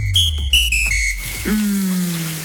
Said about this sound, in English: Shower time.